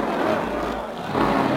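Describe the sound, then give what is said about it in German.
A supercharged race car on the Avus race track in Berlin roars steadily and loudly, a continuous droning rush that swells slightly near the end as it speeds past. “Ah, wie der Wind rast er dahin. Jetzt hat er den Kompressor drin.”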